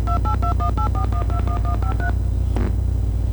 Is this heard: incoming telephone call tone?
yes